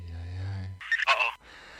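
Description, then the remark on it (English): Electronic telephone tones: a steady low buzzing tone gives way to a short, warbling burst of higher-pitched beeps, then fades to a faint hiss. Moderately loud, no talking. “My phone doesn't seem to be working.”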